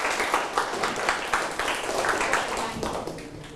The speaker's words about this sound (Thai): โอเคยอดเยี่ยมมากเลยครับปรบมือให้พวกนี้ครับ